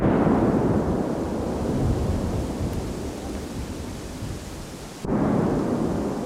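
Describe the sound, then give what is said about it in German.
Deep, rolling rumble from the controlled detonation of munition found in a wooded area in Borgsdorf that could not be recovered, around 11:45, a loud sustained roar that fades slightly before a second sharp blast hits near the end. No voices. “Es knallt, der Boden vibriert. 5 große Einzeldetonationen sind direkt nacheinander hör- und spürbar.”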